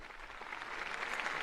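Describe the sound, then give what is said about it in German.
A large crowd of worshippers at a papal event at the harbour of Heiligenkreuz on Tenerife applauds the Pope steadily, dense overlapping claps forming a continuous wash of sound that holds and swells slightly, with no voices on top. “Applaus, Klatschen.”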